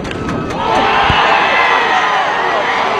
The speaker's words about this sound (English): With the crowd behind you, it's no better feeling hearing the crowd erupt. It was quite awesome.